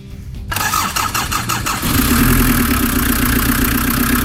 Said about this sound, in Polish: Posłuchajmy raz jeszcze tego silnika, bo do niego wrócimy. Jaki to samochód, moi drodzy? Polski.